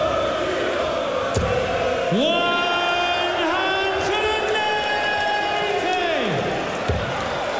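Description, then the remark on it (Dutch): A large crowd at a darts match roars steadily as a player hits the double, with a loud sustained chant of many voices swelling in the middle and holding for several seconds before fading, plus a couple of sharp thuds. “Ook meteen het publiek weer mee.”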